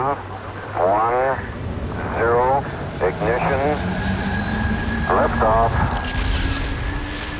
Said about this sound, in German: Das klang jetzt aber wie ein Raketenstart. Es war auch einer. Mit Raketen werden Satelliten ins Weltall geschossen.